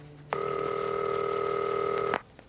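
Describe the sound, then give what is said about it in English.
A telephone rings once: a single steady electronic tone lasting nearly two seconds, clear, then cutting off into quiet as the phone is answered. No one speaks. “Oh, I'm really glad you answered the phone.”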